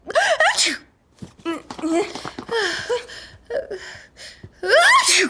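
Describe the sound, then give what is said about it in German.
A string of loud sneezes, five or so in quick succession, each a sharp voiced burst with brief pauses between, clear, with the first and last bursts the strongest. “Gesundheit.”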